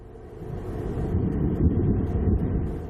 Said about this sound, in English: An explosion during what was supposed to have been a routine test of the rocket's engines. Oh, no. The rocket, called New Glenn, belonged to the company Blue Origin, owned by the Amazon billionaire Jeff Bezos, who's been to space himself.